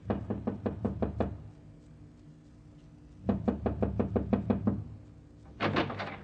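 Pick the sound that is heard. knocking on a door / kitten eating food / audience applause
knocking on a door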